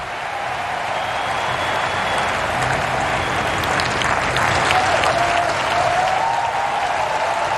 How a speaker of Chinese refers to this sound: 本局比赛的第五个破发点，给现场观众都在给刚才这精彩的一分鼓掌。